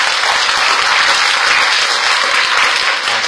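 An audience of readers claps steadily at the close of a talk on music creation, a dense wash of many hands at even loudness throughout, sustained applause with no talking over it.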